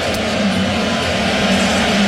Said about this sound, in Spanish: Es ensordecedor realmente el abucheo. Sí, no. Tremendo el ambiente, ¿eh? Espectacular.